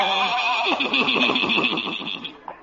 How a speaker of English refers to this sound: Ye gods. Old Doc Yak Yak and his horse and buggy.